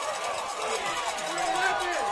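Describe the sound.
A baseball stadium crowd reacts with a steady, loud roar of many voices to a pitch called a ball, making the count 3-1, which the crowd thought was a strike; a few higher shouts or whistles rise out of the din toward the end.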